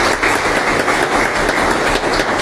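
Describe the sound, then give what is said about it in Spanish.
A crowd applauds for a woman's 100th birthday in a steady, dense wash of clapping that holds at the same fairly loud level throughout, with no one talking over it. “Fuerte los aplausos entonces para ella.”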